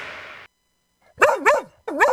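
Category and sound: animal, dog barking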